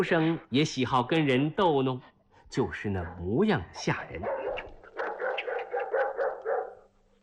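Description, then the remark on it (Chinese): A dog named Ahuang lunges and barks repeatedly, a quick string of loud, yelping barks with short gaps, tapering into a quieter, steadier sound toward the end. “自是每见小虎，阿黄必扑叫不停。”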